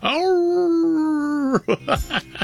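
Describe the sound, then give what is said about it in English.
A female dog howls at the high notes of a song. She lets out one long, steady howl that rises and then holds for over a second, followed by a few shorter, broken yelping howls. It's loud, with no other sounds. “My dog howls as soon as it hits the high notes, and it sounds like she's dying.”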